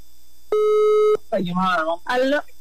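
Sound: phone line ringing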